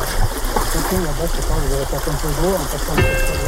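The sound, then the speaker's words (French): A steady rush of flowing river water fills the background, constant, while someone wading across the river in tall boots while fishing talks over the noise in short phrases. “Alors dans la pêche, c'est ça, des fois il faut traverser aussi les rivières.”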